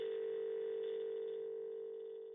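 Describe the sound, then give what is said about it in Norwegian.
A steady telephone dial tone after the other caller hangs up, a single low-pitched buzzing note that holds evenly for a couple of seconds before easing slightly softer at the end. “Da kan det være det samme, sier hun kort og legger på.”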